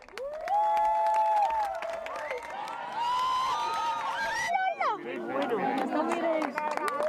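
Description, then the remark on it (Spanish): A large crowd in Spain erupts in cheers and applause as the moon begins to cover the sun during a solar eclipse, many voices whooping and shouting together in a sustained, excited roar with scattered clapping underneath, briefly dipping midway before swelling again. “Y cuando la luna le pega el primer bocado al sol, aplausos a los cielos de toda España.”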